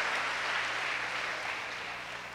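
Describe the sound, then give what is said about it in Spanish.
A crowd in Medellín claps together in a dense, steady wash of applause that fades slightly toward the end, with no voices on top. “Denle un aplauso a ese primer hijo.”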